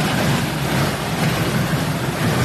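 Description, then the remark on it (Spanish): A car drifts through floodwater with its engine still running: a steady, loud rush of churning water over a low engine rumble, continuous, with no one speaking. “Ahí el auto navega.”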